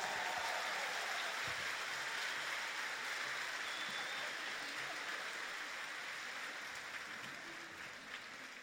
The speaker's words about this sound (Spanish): Ese aplauso para el Señor, fuerte. Él es el que nos reúne, nos alegra y nos va a llenar de bendiciones hoy. ¿Amén? ¿Cuántos lo creen? Entonces un aplauso más fuerte para Él.